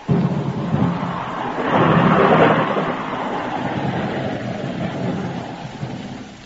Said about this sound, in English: Oh, dang this rain.